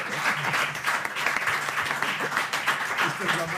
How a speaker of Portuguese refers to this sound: e, como non, darlle un fortísimo aplauso